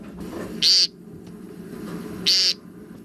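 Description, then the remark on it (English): Two short, buzzy nasal calls of an American woodcock, spaced about a second and a half apart, stand out clearly against a low, steady outdoor rumble. “The American woodcock.”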